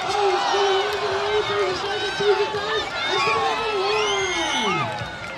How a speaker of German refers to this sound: Arnold Schwarzenegger gewinnt. Jubel von allen Seiten.